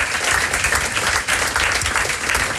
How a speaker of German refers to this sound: Und begrüßen doch mit einem herzlichen Applaus das SRF-Aushängeschild und Moderatorin Jennifer Bossart.